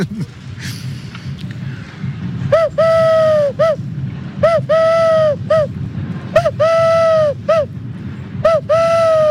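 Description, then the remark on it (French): Someone imitates a turtle dove call, as done in workshops teaching children to recognise birds: repeated cooing phrases, each a short note, a longer sustained one, then another short note, over a steady low rumble of wind or engine noise. “Et ça, pourquoi pas une tourterelle? Eh bien, écoutez, on va essayer.”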